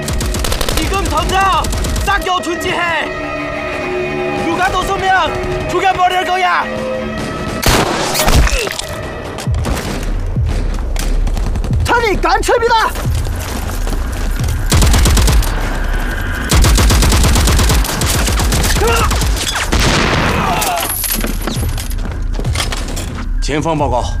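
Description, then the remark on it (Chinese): Intense gunfire and artillery fire roar continuously, with rapid automatic bursts and heavy booms layered loud, while shouting voices cut in and out beneath the battle; the fighting is reported behind Hill 314, in the direction of Dayuling. “前方报告，314高地后方大榆岭方向传来激烈的枪炮声。”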